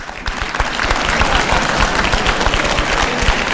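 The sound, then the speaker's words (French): An audience at a meeting of parents claps steadily throughout, a dense wash of many hands with no pauses, fairly loud, with no voices rising above it. “Et ceux qui estiment n'avoir aucun problème pour se faire obéir, applaudissez.”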